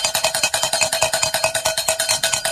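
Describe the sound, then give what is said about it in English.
Cowbells clang rapidly and steadily, a bright, metallic jangle of quick repeated strikes that keeps an even rhythm throughout, loud and with no voices. “Where are those cowbells when you need them?”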